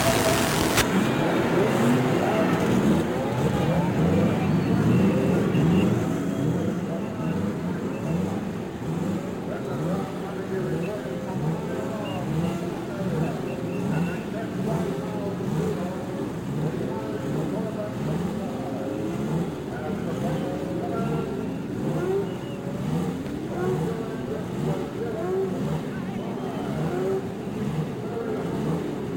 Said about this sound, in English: And from the straightaway at Indianapolis, the sound of the racing engine as each car roars its challenge to another.